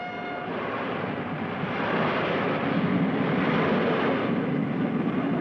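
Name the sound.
moving passenger train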